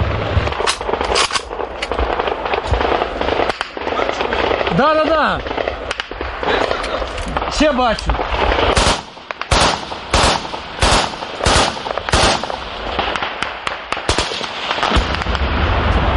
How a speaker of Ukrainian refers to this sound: Стріляють по ворожих безпілотниках тут ледь не з кожного куща, щоб захистити нашу техніку від ворожих ударів. Для прикриття неба одночасно працюють і зенітні дрони, і стрілецька зброя.